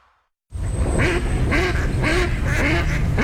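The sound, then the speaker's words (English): A duck quacks repeatedly in a steady rhythm, about four or five loud, nasal calls, over a constant low background rumble with no talking. “Do you hear that? And that's music to my ears. Time to gear up for bird season.”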